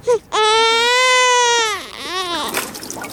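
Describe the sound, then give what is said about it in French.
A baby cries loudly, one long sustained wail that fades out, followed by a shorter, rising sob. “Si on avait enregistré un bébé qui pleurait.”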